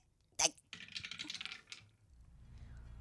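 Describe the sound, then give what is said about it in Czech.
A die is thrown and clatters across a tabletop during a game: one sharp knock, then a quick burst of rattling taps that fades out, with a low background rumble. “Hele, já vemu kostka. No dobře. A já hazu, jo?”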